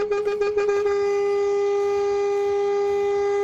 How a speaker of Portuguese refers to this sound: Tudo de bom, mas se tivesse cochilando depois dessa buzinada, menino, ou já foi dessa pra outra, ou acordou na hora, hein?